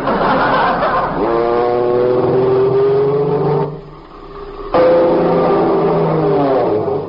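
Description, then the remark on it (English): A skywriter airplane's engine drones loudly over California while it writes in the sky, its pitch sliding up and down as it maneuvers, fading briefly partway through before roaring back at full strength. “An airplane! Look, Uncle Steve, a skywriter!”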